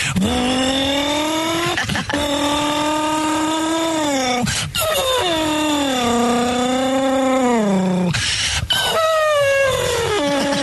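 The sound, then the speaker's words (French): A voice imitates a racing car engine with long, sustained buzzing tones that rise and dip in pitch, broken by three short breaths or pauses, loud and continuous throughout. “Et puis travailler aussi comme j'aimais bien faire le bruit de la voiture de course aussi.”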